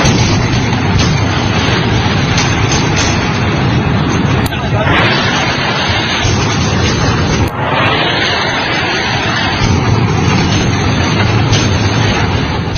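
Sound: artillery cannon fire booming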